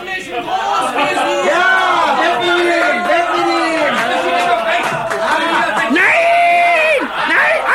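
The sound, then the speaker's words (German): A dense crowd of townspeople cheers and shouts continuously and loudly as a caged man is carted through their splendid city, with overlapping whoops and excited calls rising and falling throughout. “Unter dem unbeschreiblichen Jubel der Bevölkerung wurde er von seinem treuen Mietsklaven Tunichgut durch die prunkvolle Stadt gekarrt.”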